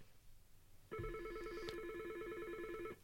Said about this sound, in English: And we got another call coming in. So look at the phone thing on there. Where is it?